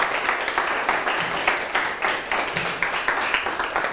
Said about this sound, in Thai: ปรบมือให้กลุ่ม1ด้วยครับและปรบมือให้กับทางต้นทางและปลายทางพร้อมกันอีกครั้งครับ